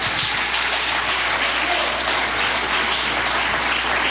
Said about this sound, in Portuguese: Vamos receber a salva de Deus com aquelas palmas de vitória.